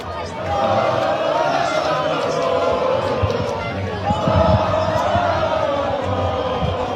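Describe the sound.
A dense crowd on a beach in Barcelona roars and shouts continuously outdoors, celebrating a victory after the final whistle, a broad wash of many voices cheering with overlapping yells, steady and loud throughout.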